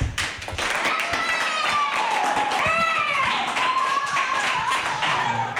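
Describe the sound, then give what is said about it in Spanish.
A group of schoolchildren from the school in Fuentenava de Jábaga clapping steadily for several seconds at a cultural and digital centre, a dense patter of quick hand claps, with high-pitched young voices cheering and calling out over the applause. “¿Qué hay que hacer cuando hago así? ¿Aplaudir?”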